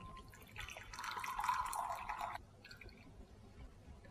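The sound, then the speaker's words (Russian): Boiling water pours steadily over flax seeds in a container for about two seconds, two glasses of water over one dessert spoon of seeds, a fairly loud splashing stream that stops abruptly, followed by faint drips and quiet room tone. “И вот это вот количество мы заливаем двумя стаканами воды, кипятка.”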